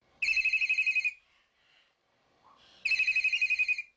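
A telephone rings twice with a caller on the line, each ring a rapid, trilling burst of bright electronic tones lasting about a second, separated by a short quiet pause. It sounds clear, with no one talking.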